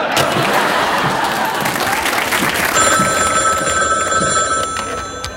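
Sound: telephone ringing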